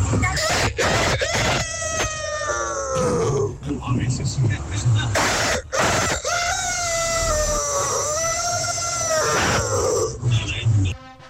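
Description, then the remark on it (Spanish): A caller to the radio station Tropicana shows off a hidden talent by imitating a rooster crowing, producing loud, strained, rising-then-falling calls with a harsh, reedy tone, repeated a few times in quick succession with brief breaths between. “Mi talento oculto es hacer como un gallo.”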